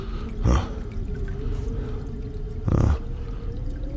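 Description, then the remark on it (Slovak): A toilet cistern runs with a steady low watery hum, broken twice by louder splashy drips or gurgles a couple of seconds apart, with no one speaking. “Asi by bolo lepšie ten otravný splachovač, starú strechu, aj Tchory, aj myši, aj všetko predať”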